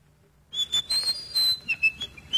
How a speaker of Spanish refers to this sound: ¿qué estás silbando, tu amigo?